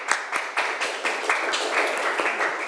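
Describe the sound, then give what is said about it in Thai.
A classroom of students applauds a classmate together at the teacher's request, a steady wash of many overlapping hand claps with faint sharper individual claps popping through, sustained at even loudness for a few seconds with no talking. “โอเคค่ะปรบมือให้เพื่อนหน่อย”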